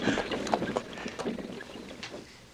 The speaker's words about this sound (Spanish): Capitán, detenga los caballos. ¡Oh, so!